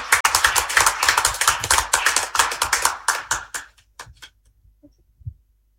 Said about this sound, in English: All right, he's going to share a few words with us. Just give him a round of applause as he comes.